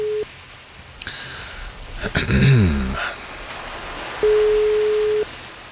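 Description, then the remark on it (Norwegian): A telephone ringback tone while calling a weather reporter in Braskereid Foss: a steady single-pitched beep cuts off at the start, a burst of crackly line noise follows, then one more clear one-second ring tone sounds over a quiet phone line. “La oss høre om han tar telefonen og hvordan det i Braskereid Foss i dag.”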